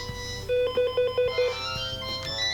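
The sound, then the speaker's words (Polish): A phone ringtone plays a quick run of five bright, evenly spaced electronic beeps at one steady pitch, followed by softer fading tones, with no one talking over it. “Aha, muszę odebrać. Dobrze, odebrałem.”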